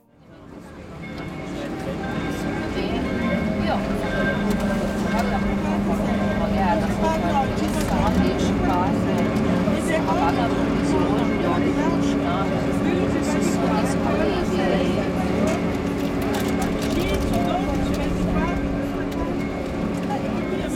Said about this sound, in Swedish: Jag ger mig ut på gatorna, hoppar ner i en båttaxi som går via Canal Grande.